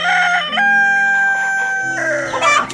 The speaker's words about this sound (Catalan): El gall i la gallina van respondre...